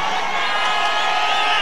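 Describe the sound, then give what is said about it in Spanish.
A crowd shouting all at once, many overlapping voices forming a loud, steady roar of yells with no pauses and no single voice standing out. “A ver, espérenme, a ver si logro entender a estos gritones.”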